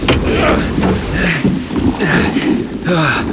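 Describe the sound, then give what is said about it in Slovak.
A heavy rowboat is pulled by a rope through shallow sea water toward the shore, with repeated sloshing surges about once a second, fairly loud, while voices call out over the splashing. “nemôžem priraziť s loďkou k brehu! Hodím ti lano! Chytaj! Mamo! Zapri sa poriadne do vesiel! Pritiahnem ťa!”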